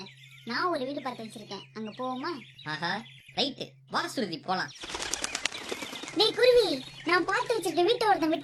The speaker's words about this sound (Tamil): என்ன சொல்ற குயில? என்ன குருவி பேசுது?